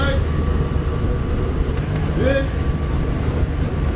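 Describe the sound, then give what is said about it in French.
The engine of the first boat arriving during a Médecins Sans Frontières (MSF) rescue operation drones steadily on the water, a low continuous rumble that stays constant, with a brief rising voice-like call cutting through partway. “Le premier bateau qui arrive.”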